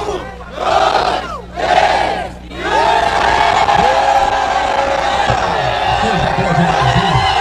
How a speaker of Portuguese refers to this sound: Olha a torcida, o time do Santa Fé levantando o troféu de campeão e grita junto com a torcida. É o campeão.